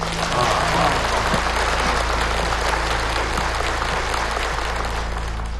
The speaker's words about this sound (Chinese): 现在大家热烈鼓掌，欢迎张先生登场。